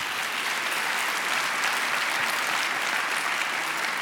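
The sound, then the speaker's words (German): Steady, dense applause from an audience: many hands clapping at once in a continuous, even wash of sound that holds at a consistent loudness for several seconds, with no voices standing out. “Da gibt es schon mal viel Applaus.”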